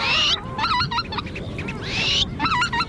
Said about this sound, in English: I'm at Tshekpuk Lake in the Alaskan Arctic, just 6 miles from the Arctic Ocean, a landscape that just days ago was still covered in ice and snow, and now it's absolutely bustling with life and birdsong.